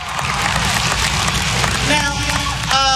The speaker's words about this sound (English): Coming out to the big applause, y'all standing up. A piece of me likes it. A small piece of me likes it. Another piece of me doesn't.